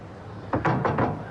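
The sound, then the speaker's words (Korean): Three quick knocks on an office door, evenly spaced, with a solid wooden thud and nothing else around them. “얼굴에 미소를 띠고 노크한다.”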